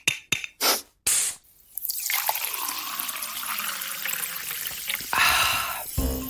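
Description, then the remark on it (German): Sparkling water is poured into a glass after a few short clinks and bursts, then a steady fizzing hiss of bubbles fills the rest, fairly loud, with no talking. “Es gibt ja nichts Erfrischenderes als kaltes Sprudelwasser, wenn man so richtig Durst hat.”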